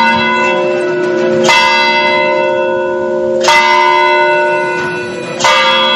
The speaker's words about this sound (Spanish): Las campanas de la iglesia de San Francisco es el sonido que marca impasible el paso del tiempo desde hace siglos.